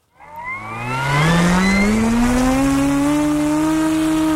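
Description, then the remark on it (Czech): A small model airplane's engine buzzes loudly as it flies in the air, its whining pitch climbing over the first second and then holding a steady, slightly rising drone with no one talking. “Letadlo máme ve vzduchu.”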